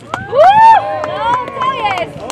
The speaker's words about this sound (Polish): Gdzie są kibice? Zróbcie hałas!